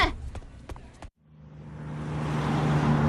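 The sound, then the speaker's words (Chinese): A bus engine idles at a station with a steady low hum, then after a brief pause the rumble swells and grows steadily louder as it prepares to pull away, with faint background clatter. “哎， 上车上车啊，动作快点儿，马上就要发车了。”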